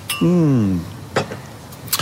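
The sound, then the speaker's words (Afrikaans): A short vocal murmur gives way to a few sharp, bright clinks of glasses touching in a toast to better markets, spaced unevenly over a couple of seconds. “Ons drink op beter markte vir Carpe Diem.”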